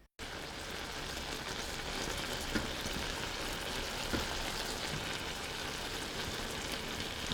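A steady sizzling and bubbling of apple pieces about 1 cm thick simmering with water and a tablespoon of sugar in a covered pan over low heat, continuous and even, with a few faint pops and no voices.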